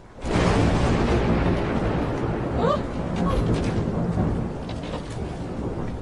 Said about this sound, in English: Oh, how the storm raged. Hail, rain, wind. It was, in very truth, an awful night.